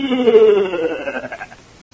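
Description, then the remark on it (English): A single drawn-out goat bleat from the goat in the radio drama The Goat of Private Hibbs, wavering and nasal, sliding downward in pitch and fading away over about a second and a half, fairly loud. “Everybody knows I only went into those woods to get back my goat.”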